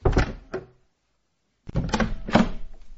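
door opening and closing

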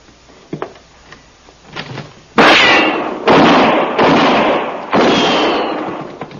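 gunfire

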